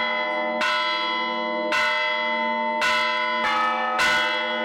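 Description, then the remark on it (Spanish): Church bells in La Rioja ringing a traditional toque a vereda call, summoning people to communal work such as repairing a fountain, a road or a council hay barn: five loud, resonant strikes at uneven intervals, each with a bright clang and a long humming ring that overlaps the next. No voices. “Antes de que se pierdan estos sonidos, la Asociación de Campaneros de La Rioja los está recuperando, como este toque a vereda.”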